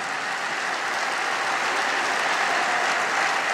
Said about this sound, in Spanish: Sí, te aplaudimos, papá. Amén.